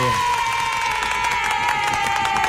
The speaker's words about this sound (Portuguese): Ah, palmas, aê!